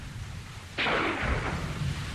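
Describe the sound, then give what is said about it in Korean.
A single distant gunshot, one of several heard intermittently at night during a heavy rain shower, cracks out after a brief low rumble, its sharp report trailing into a long echoing tail that fades back into steady background noise. “먼 곳에서 총소리가 띄엄띄엄 울려왔다.”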